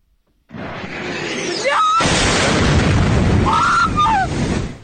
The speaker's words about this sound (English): The sound of just one of many explosions in the Ukrainian capital Kyiv in the early hours of this morning. The country's air force said the city had been pummeled by waves of Russian attacks, about 74 missiles in all and nearly 500 drones.